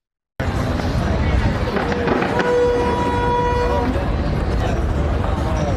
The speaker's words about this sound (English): Take a look at this, Fred, in New York during the city's 4th of July fireworks celebration